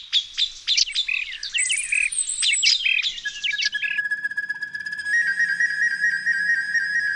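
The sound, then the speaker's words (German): Rapid bright chirps and warbling trills of birdsong imitated on a recorder give way to long, steady high whistled notes held over a faint continuous background. “Im Englischen zum Beispiel heißt die Blockflöte Recorder, also sie trägt gar nicht mehr diesen Block im Namen, sondern sie ist sozusagen die Aufnehmerin, weil sie gerne auch Klänge zum Beispiel von Vögeln aufnimmt und wiedergibt.”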